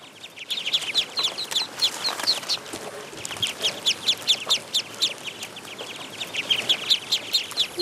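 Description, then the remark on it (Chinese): A flock of ducks in a rice paddy peeps and chatters nonstop, high, rapid calls overlapping in a busy chorus, with a faint outdoor background and no one talking. “对啊，那个螺就是这些鸭子的最爱。”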